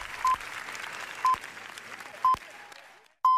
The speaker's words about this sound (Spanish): Y en el cine, el largo aplauso... 20 minutos de aplauso en una de las jornadas más históricas de Cannes. Aplauso para los Javis.